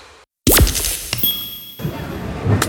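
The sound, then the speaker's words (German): A mobile phone hits a hard floor with a sharp crack, then its screen shatters into bright glassy clinks and tinkles that ring on briefly, with a second scattered rattle near the end. “Oh nein, mein Handy. Oh komm schon, geh wieder an, komm.”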